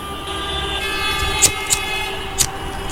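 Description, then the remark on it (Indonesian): Congested, slow-crawling road traffic rumbles steadily, with idling engines droning and tonal whines layered together, punctuated by four short, sharp high-pitched bursts spaced across the scene. No one speaks. “Tapi kalau macet kayak gini, biasanya cukup lama.”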